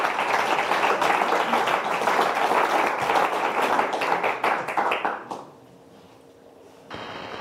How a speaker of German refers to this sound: Und einen großen Applaus für Moose Musculus Volans.